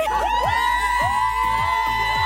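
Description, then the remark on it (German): A dense crowd of fans at a large K-pop concert screams and cheers at full volume, high-pitched shrieks and whoops overlapping continuously, loud, with a low rhythmic thumping underneath. “Ja, ich glaube, das mit dem Schreien können wir uns jetzt alle sehr, sehr gut vorstellen.”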